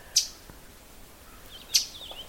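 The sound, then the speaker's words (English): Two loud, sharp metallic chip notes from a northern waterthrush, a warbler migrating through, about a second and a half apart, ring out over a faint, quiet background on a windless morning with no talking. “What I'm watching is a northern water thrush.”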